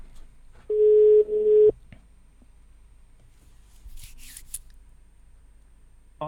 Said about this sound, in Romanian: Acum, altfel nu putem vorbi la telefon. Bip, bip, bip.